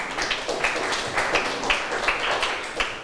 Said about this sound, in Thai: นักเรียนเก่งมากปรบมือให้ตัวเองหน่อยค่ะ